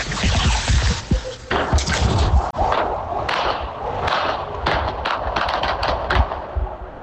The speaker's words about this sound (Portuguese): a gente tá recebendo relatos de barulho de tiro no Morro do Borel, inclusive a gente tem aí o som dos disparos